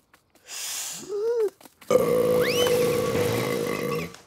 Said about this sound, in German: Tut mir leid, ich muss Rülpsen üben.